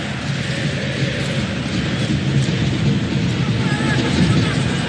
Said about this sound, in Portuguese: A torcida está presente aqui, ó, escuta só.